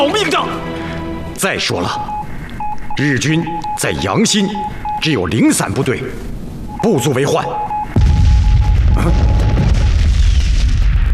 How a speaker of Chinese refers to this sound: 这是榴弹炮和野战炮的爆炸声响，只有日军的主力部队才有。